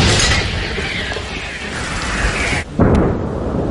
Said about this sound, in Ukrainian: Саме туди, у напрямку коси, щойно виявляються цілі, стріляє українська артилерія. Постріл!